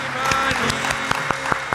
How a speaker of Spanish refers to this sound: Arriba con el público. Un aplauso, un aplauso, un aplauso.